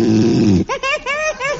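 A man snores loudly in his sleep, one deep rattling breath that breaks into a few short, whiny, rising-and-falling sleep noises, clear with no talking.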